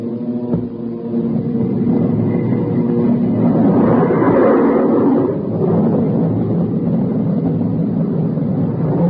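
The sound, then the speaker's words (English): The jet engine of the FS-2 aircraft, switched on by Captain Mayo while it is carried by a B-29 flying at 225 miles per hour, spins up with a low droning hum, then swells into a loud, steady, rushing roar that stays dominant, with no voices over it. “Then Captain Mayo switched on our jet engine.”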